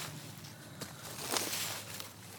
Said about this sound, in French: Des feuilles ratissées.